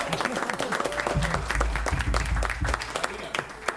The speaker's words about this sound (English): Hi, everybody. Round of applause.